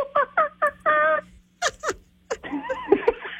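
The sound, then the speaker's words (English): A Sonic 102.9 radio listener imitates a monkey with four quick rising hoots, a longer drawn-out cry, a few breathy bursts, then a stretch of fast, laugh-like chattering. “I asked you, our Sonic listeners, to make your best monkey impression.”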